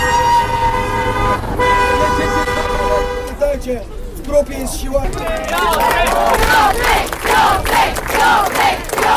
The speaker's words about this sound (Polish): Łatwogang był fetowany na ulicach Gdańska jak mistrz. Już na przedmieściach przywitały go tysiące fanów.